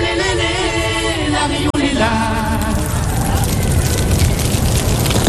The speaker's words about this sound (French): Tendez l'oreille car ce son est rare. Ce n'est pas du bacon qui frit dans une poêle, c'est le crépitement émis par les coraux quand vous mettez la tête sous l'eau. Ce son a été enregistré par le chercheur Simon Élise.